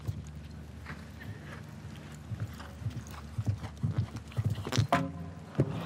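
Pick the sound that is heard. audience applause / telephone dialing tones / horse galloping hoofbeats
horse galloping hoofbeats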